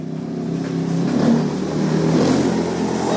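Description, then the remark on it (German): A motorcycle engine revs up and pulls away onto unpaved, sandy roads toward a settlement on the edge of town, its steady droning growl rising in pitch and staying loud for the whole few seconds, with no one speaking. “Nach seinem letzten Patienten steigt Givasoa Rakutuarivu auf sein Motorrad. Über unbefestigte, sandige Straßen fährt er in eine Siedlung an den Stadtrand.”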